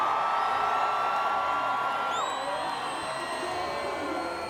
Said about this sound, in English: And a round of applause for